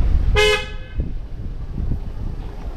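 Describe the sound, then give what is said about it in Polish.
A single short car horn honk blares out clearly over a low rumble of street traffic, followed by steady background road noise. “Trąbią samochody.”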